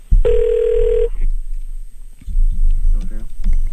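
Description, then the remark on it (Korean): A single loud burst of telephone ringing, like a ringback tone, as a radio show connects a phone call to a listener in Ulsan, lasting under a second, followed by a quiet line with faint voices near the end. “이번에는 울산에 계신 분 한번 전화 연결해 보도록 하겠습니다.”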